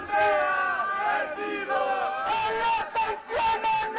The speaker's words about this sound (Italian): Arriva un gruppo di studenti che urla il nome di Andrea Moretti.